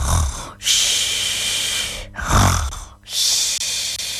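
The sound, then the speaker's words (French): A concierge snores while asleep in her lodge, in slow, steady cycles: a rough, rumbling snort followed by a long airy hissing breath, repeating twice with no talking. “Amélie entend des ronflements.”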